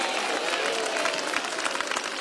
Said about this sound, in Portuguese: Isso, dá uma salva de palmas, vamos lá, bem bonito para Jesus, vamos lá. Mais alegre, palmas e glória a Deus.